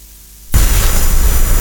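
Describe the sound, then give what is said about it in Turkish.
At a wedding, recorded on a guest's mobile phone camera: after half a second of near silence, a sudden, very loud explosion erupts and becomes a harsh, sustained roar that fills the rest of the moment, distorted, with no voices audible. “Yaşanan panik ve patlama anları ise düğüne katılan davetlilerin cep telefonu kamerasına saniye saniye yansıdı.”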